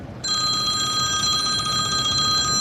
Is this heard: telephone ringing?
yes